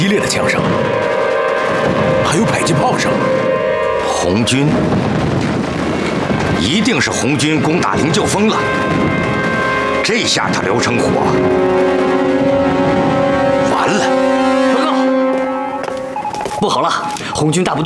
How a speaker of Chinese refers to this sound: 枪声有点不太对劲儿，这是灵鹫峰方向传来的，好激烈的枪声，还有迫击炮声。